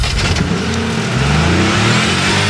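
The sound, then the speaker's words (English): A car engine revs loudly, its pitch climbing and dipping as the throttle is pushed, with a steady mechanical roar throughout and no voices. “start your engine.”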